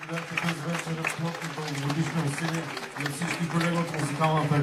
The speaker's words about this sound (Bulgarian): чувате финалните ръкопляскания на концерта, който предадахме директно от Дома на културата НХК в Бургас.